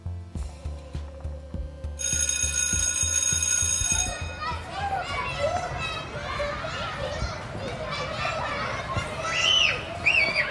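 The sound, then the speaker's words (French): A rhythmic low thumping, then an electric bell rings for about two seconds before a crowd of children bursts into shouting, chatter and high-pitched squeals as they play at 10 a.m. recess at the Profondine school in Saint-Sébastien-sur-Loire, in the Nantes metropolitan area. “Ici, on entend les enfants crier, jouer et s'amuser autrement.”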